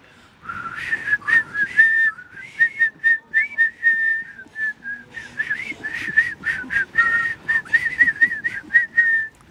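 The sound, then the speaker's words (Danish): Several people whistle the simple, bouncy Danish children's song "Jeg ved en lærkerede" together, live on a street in Odense for the radio. The tune is clear, with faint street background noise underneath and no talking. “Da sejt gået at stille sig op og fløjte direkte på gaden i Odense og direkte i radioen.”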